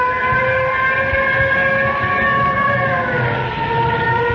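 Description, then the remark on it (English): Fire engines passing, with a loud, steady wailing siren that holds its pitch and drifts slightly lower over a few seconds, above a continuous low engine rumble. No one speaks. “Sam, here come the fire engines.”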